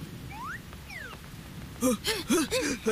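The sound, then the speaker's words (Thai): Steady, soft rainbow rain, a colorful rain falling from the sky, hisses throughout, with a few rising and falling whistle-like tones early on, then bursts of loud, wavering voices or cartoonish vocal sounds over the rainfall. “เฮ้เด็กดาวโลกดีใจที่พวกเธอสนุกกันนะแต่มันมีฝนสายรุ้งอ่ะทุกคนต้องรีบมาหลบข้างในบนหัวฉันน่ะ”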